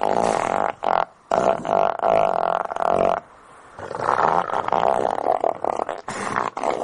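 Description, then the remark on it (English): Deep, rumbling elephant seal calls in Antarctica come in long, loud bursts, throaty and sputtering like giant belches or farts, with brief pauses between them and no talking. “Elephant seals in Antarctica, they sound like farting.”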